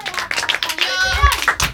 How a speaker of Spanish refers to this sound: Oye, gracias, chicos. Muchas gracias, chicos. Un aplauso.